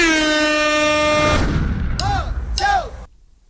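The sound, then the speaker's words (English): A loud air horn blares in one sustained, brassy blast for about a second and a half, then gives way to a low rumble and two short swooping tones. “You're going to say, I want to use my double bubble, and then I'll hit the air horn, and then I'll start playing the track.”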